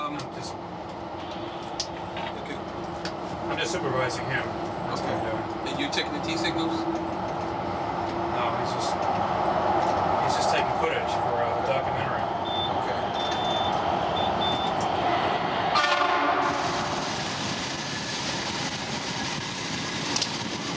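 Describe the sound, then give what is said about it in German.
A Los Angeles Metro Blue Line light rail car, number 8, bound for Long Beach, rides along with a steady low rumble and rattling wheels. It first runs a short stretch underground, then above ground. A brief high electronic beeping comes partway through, and a rushing whoosh near the end as the sound opens up. “Die Fahrt kann beginnen. Mit einem Wagen der Nummer 8. Zuerst noch ein kurzes Stück unter der Erde und dann wird's überirdisch.”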